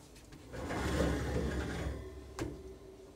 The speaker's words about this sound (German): Ich mach mal die Tür zu.